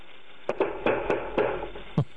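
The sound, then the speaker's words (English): About six heavy, forceful knocks on a door by a SWAT team in a quick, uneven series, loud, with no voices, just a faint hum underneath. “Sorry, but when you get a couple of people who didn't hurt anybody and break anything, and you send the SWAT team in, listen to how they knock on the door.”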